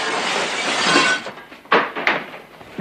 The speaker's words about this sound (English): Valance hurls a chair through the office window